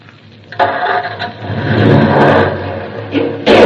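A car engine cranks on its starter and catches, then revs up into a loud, sustained roar with rising and falling intensity before a sharp burst at the end.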